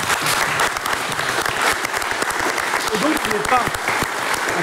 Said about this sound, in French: Et moi, j'ai envie de dire un énorme merci et quelques applaudissements à Axel.